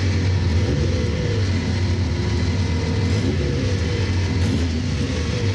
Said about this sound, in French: On va démarrer le moteur, c'est ici la petite clé. Voilà. On démarre ça comme une voiture normale.